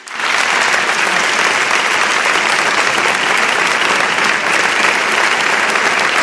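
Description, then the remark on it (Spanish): A crowd applauds a guest on a programme steadily, a dense wash of clapping that starts abruptly and holds at a loud, even level throughout, with no voices standing out. “Os pido un aplauso para ella también.”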